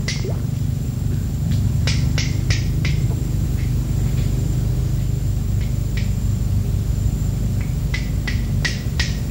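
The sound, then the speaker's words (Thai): Long-tailed macaques cracking shellfish shells in a mangrove forest at low tide: sharp, irregular clicks and knocks, some in quick pairs or clusters, over a steady low rumbling background, with no voices. “ช่วงเวลาน้ำลงในป่าชายเลนมักจะได้ยินเสียงประหลาดนี้ความจริงแล้วก็คือเสียงกระเทาะเปลือกหอยของลิงแสมนั่นเอง”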